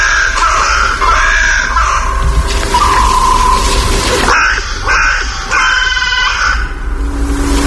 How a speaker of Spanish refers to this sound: Esta es la Alameda del Medio Punto, en mi pueblo, en La Granja, en Segovia. Sí, sí. Y aquí, en los árboles que flanquean el Palacio Real, se despiertan las cornejas, pues, a su manera, con esta voz cascada.